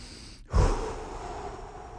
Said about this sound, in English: So let's start with our breathing exercises here. One more here. Let's get in a nice zen mode.